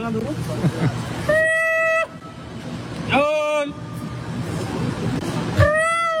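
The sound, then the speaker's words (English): A person imitates a macaque call with three loud, shrill, strongly pitched whoops, evenly spaced and each bending in pitch, over a steady background of busy street noise and chatter. “I mean, that sound would make any macaque shy.”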